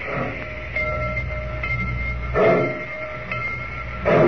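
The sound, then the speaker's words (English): A steady, heavy rumble of a train gathering motion, with a couple of louder hissing chuffs bursting out over the low mechanical drone as it pulls away from the station at Rocky Point. “I just don't like dirty trains.”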